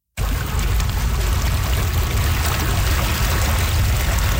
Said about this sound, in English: some sound from the banks of the Nechako River in Prince George